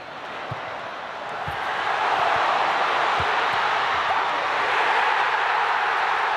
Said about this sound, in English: Oh, just listen to that cheering.